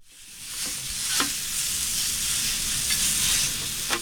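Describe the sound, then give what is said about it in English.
Hibachi food sizzles steadily on a hot grill set up in the trunk of a car, a dense crackling hiss with a few sharp clicks and scrapes of a spatula against the cooking surface. No one speaks. “He makes hibachi on a grill, but with a very unique twist.”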